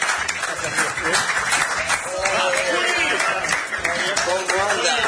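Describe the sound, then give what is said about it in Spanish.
An applause sound effect: steady crowd applause fills the whole stretch, a dense rush of many hands clapping at once, with a voice talking faintly over it partway through. “Le pongo un aplauso también. Aplauso, aplauso, aplauso.”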